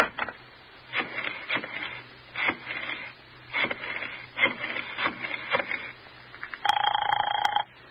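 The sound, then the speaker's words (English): A telephone being dialed, with a series of clattering clicks and whirs, followed near the end by a brief ringing tone on the line. Fairly clear, with no talking. “Phone Roger and ask him right out. Now, go on. Go on. Phone him.”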